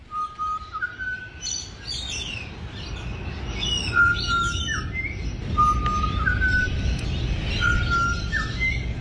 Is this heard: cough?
no